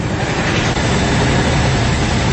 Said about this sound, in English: The sound there of Royal Marines descending from ropes from a hovering helicopter. Officials say the interception of the Smirnov vessel will deliver another blow.